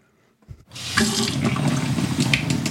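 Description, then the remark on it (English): After a brief quiet moment and a small clunk, a tap turns on and tap water pours steadily into a gallon-sized jug in Cadiz, Ohio, a continuous rushing splash with no one talking. “She started filling and dating them last summer after her town, Cadiz, Ohio, just over an hour west of Pittsburgh, issued a boil water advisory”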